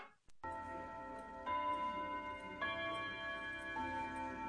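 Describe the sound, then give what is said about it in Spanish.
A grandfather clock, one of the large standing clocks of the Palacio de Justicia courthouse, ticks steadily beneath sustained, ringing tones that shift pitch a couple of times, fairly loud, with no one speaking. “Ha habido informes de fantasmas que salen de los grandes relojes de pie del Palacio de Justicia.”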